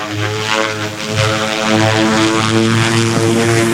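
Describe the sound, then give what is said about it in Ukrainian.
A loud, steady buzz from the spinning propellers of a military drone sent to carry a large brigade flag to Hoverla, a dense harmonic whine that holds constant for the whole stretch with slight wavering in pitch, and no voices. “Поки побратими піднімаються на вершину, інша частина готує дрон до польоту.”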